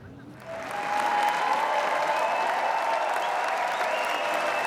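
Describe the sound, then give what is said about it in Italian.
An audience of over 2000 in the Salle Lumière at the Cannes Film Festival breaks into sustained applause at the end of the screening of James Gray's film Paper Tiger, swelling quickly after a brief quieter start and holding steady, dense and loud, with faint crowd murmur mixed in. “Gli applausi alla fine della proiezione sono un'esperienza unica.”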